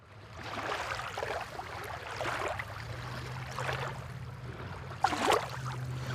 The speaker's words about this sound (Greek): Με την καλύτερη θέα, ψαράκι, ο καιρός εντάξει δεν είναι ηλιόλουστος, αλλά αυτό το κλουτς, κλουτς, κλουτς, κλουτς, κλουτς, κλουτς της θάλασσας είναι ό,τι πρέπει.